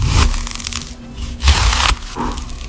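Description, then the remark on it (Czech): Something is being cut or sliced in three crunchy, scraping bursts with short pauses between them, each stroke rough and fairly loud, with no voices present. “Já vám napovím, je to krájení, ale vaším úkolem je ještě teda uhádnout, jaký krájení, respektive čeho krájení”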